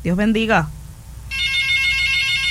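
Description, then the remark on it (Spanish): A short voiced sound opens, then after a pause a steady, high electronic ringtone of an incoming WhatsApp call starts and keeps sounding, fairly loud, through to the end. “Aquí hay una llamadita, recíbala a mí vía WhatsApp.”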